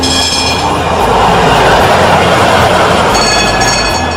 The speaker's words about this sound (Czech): Zvonce je oglasilo polazak i brkati tramvajđija Johan Hanke potjerao je svog bijelca po šinama. Tramvaj je otišao u pravcu Marijin dvora